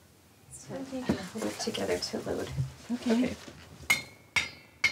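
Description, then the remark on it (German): A spoon taps the lids of glass jars of home-canned salmon three times to test whether they are sealed, each a sharp, bright clink with a short ringing tone, following a stretch of people talking. “Dann folgt der Löffeltest.”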